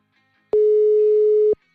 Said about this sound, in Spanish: Estamos marcándole por WhatsApp, ¿eh?